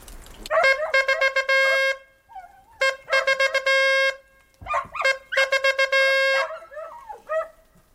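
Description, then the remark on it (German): A hunting horn sounds the dead-roebuck signal: loud, bright brass notes in three phrases of quick repeated blasts and sustained tones, with short pauses between phrases and no talking. “Das nächste ist Reh Bock tot.”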